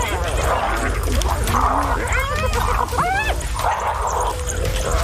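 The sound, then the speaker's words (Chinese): A pack of wild dogs, being provoked and challenged by Tony, yips and whimpers in a cluster of high, rising squeals midway through, set against a steady low rumble of outdoor background noise. “现在他冒险发起进攻，他一直在挑衅野狗群。”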